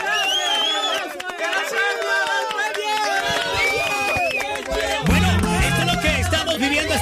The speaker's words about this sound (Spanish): Un aplauso, por favor, que se escucha allá en Venezuela. Gracias. Gracias, Colombia.